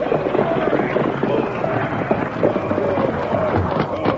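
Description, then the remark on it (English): Horses pulling a stagecoach clatter in a busy, rapid clip-clop as the coach is brought to a stop, loud, with a dense rumbling commotion underneath throughout the few seconds. “Pull up the horses!”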